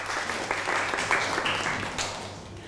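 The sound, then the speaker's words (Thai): A group of people clapping together for their friends, a dense, steady patter of applause that holds at a fairly even level for a few seconds before easing slightly toward the end. “อ่ะปรบมือให้กับเพื่อนหน่อยครับ”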